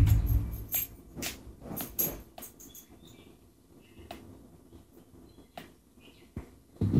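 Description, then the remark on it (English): A water bottle mouthpiece clicks repeatedly in sharp, irregular ticks, loudest and busiest in the first few seconds, then sparser, with faint high squeaky tones between. No one speaks. “You hear that clicking?”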